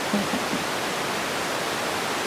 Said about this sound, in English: Okay, lots of static, I assume. It just sounds like static and not so much like bats.